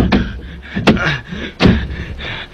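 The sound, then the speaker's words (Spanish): Three heavy, booming thuds strike at uneven intervals as a door in a convent is battered and broken down, with a low rumbling background between the blows and no voices. “En el preciso momento en que derriban la puerta, el niño Jesús desaparece.”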